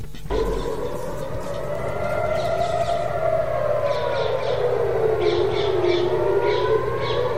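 Air-raid sirens in Israel wail steadily after Iran's first attacks on the country since the April ceasefire, a sustained tone slowly rising and falling in pitch, with faint chirping birds and a low background hum underneath. No one speaks.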